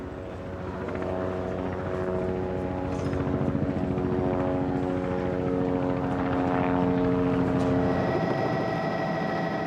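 A helicopter carrying a laser scanner drones steadily overhead while surveying Koblenz city centre, its rotor and engine forming a dense, continuous hum with layered tonal whine that swells slightly louder midway before holding steady. No voices.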